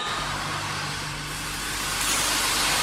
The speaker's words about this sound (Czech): Jo, tak kluci, můžete to zapnout. To se otevírá šoupě, pak se sepne čerpadlo.